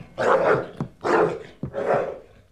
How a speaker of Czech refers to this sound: No tak chytni toho psa, slyšíš? Chytni ho! A uklidni.